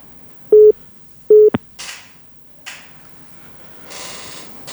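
Two short, steady electronic phone tones beep about a second apart as a call placed from a regular phone rings unanswered, followed by a click and a few bursts of hissing line noise. No one speaks.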